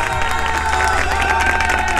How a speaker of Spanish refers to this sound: como tiene que ser, aplausos, ¿eh?